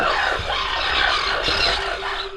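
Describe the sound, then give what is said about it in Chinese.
A dense, continuous chorus of harsh, rasping calls from a colony of greater crested terns early in the breeding season, overlapping loudly throughout, with grating screeches layered on one another and no pauses. “这个是大凤头燕鸥。”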